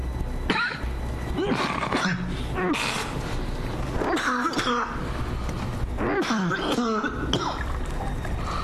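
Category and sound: human body sound, coughing and throat clearing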